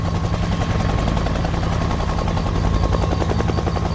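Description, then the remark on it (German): Three helicopters hover over a wreck, lowering search teams on ropes: a loud, steady drone of rotor noise with a rapid rhythmic chopping pulse and a low engine hum running unbroken throughout. No one speaks. “Drei Hubschrauber ließen Suchtrupps an Seilen auf das Wrack hinab.”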